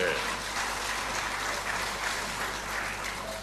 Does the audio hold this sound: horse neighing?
no